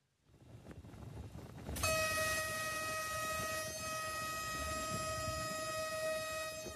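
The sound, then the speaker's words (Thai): A locomotive-hauled passenger train, run as a reenactment from Hua Mak railway station to Asok railway station over 9.2 kilometres, rumbles along, then its horn blasts loudly and holds one steady, blaring tone over the low rolling noise until the end. No one speaks. “เป็นการจำลองด้วยหัวรถจักรและขบวนรถไฟโดยสารวิ่งจากสถานีรถไฟหัวหมากไปที่สถานีรถไฟอโศกระยะทาง 9.2 กิโลเมตร”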